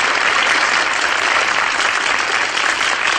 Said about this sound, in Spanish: Ah, no, bueno, dale palmas, doctor.